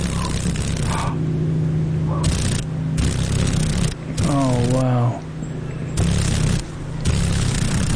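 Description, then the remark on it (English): A female paddle-tailed darner dragonfly, one of seven mosaic darners found in Alaska, vibrates its wings rapidly in a low, steady droning buzz that runs throughout, broken by rough crackling bursts, while a voice briefly exclaims partway through. “Can you hear the vibration? Those wings are vibrating pretty rapidly.”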